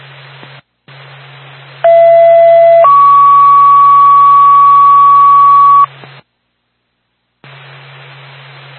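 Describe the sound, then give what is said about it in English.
Over a hissing, static-filled radio channel, a two-tone dispatch paging alert sounds as the second tone for the Lisbon ambulance: a brief steady tone followed by a longer, slightly higher steady tone, loud and clear, bracketed by squelch gaps. “Go ahead with second tone 1817.”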